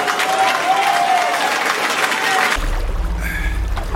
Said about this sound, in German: Ein Applaus für ….